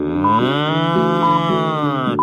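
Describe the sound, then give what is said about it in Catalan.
A single long, loud cow moo sounds, a steady low bellow with rich harmonics that holds for a couple of seconds before cutting off. “Hola, vaca! Em podries ajudar?”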